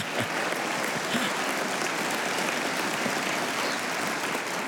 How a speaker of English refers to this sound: First of all, I am honored and glad to announce that the Holy Father has decided to send his own video message to this Supreme Convention. And yes, you can applaud.